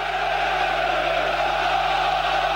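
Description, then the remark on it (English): A stadium crowd in Boston cheers for Morocco during a France versus Morocco match, a steady, dense roar that holds at an even loudness throughout, with no single voice standing out and no commentary over it. “It's a cheering for the Moroccans.”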